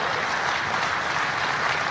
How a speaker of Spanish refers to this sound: No, hombre, dele más fuerte esas palmas al Señor, gloria a Dios, porque felices los de corazón limpio.